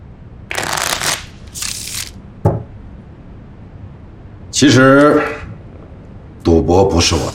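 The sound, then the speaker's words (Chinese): A deck of playing cards is riffle-shuffled in two quick, crisp bursts, followed by a sharp snap of the cards, then a couple of short voiced sounds from people. “我来洗牌，这恐怕不符合规矩吧？”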